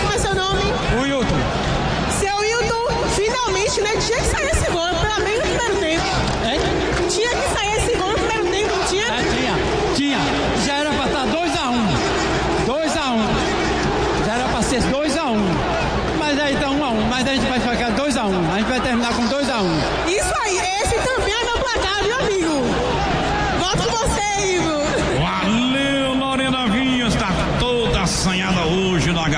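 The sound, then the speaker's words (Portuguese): A large crowd at a football match roars and chatters continuously, a dense wall of voices that never lets up, while voices talk over it. “Os jogadores estão ali com frio, a torcida tá aqui vibrando muito.”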